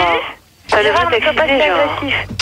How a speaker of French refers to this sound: Alors celui qui a la radio derrière, il arrête.